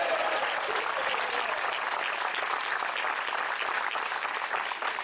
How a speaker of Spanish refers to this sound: ¿Alguien se une a él a darle un aplauso al Señor?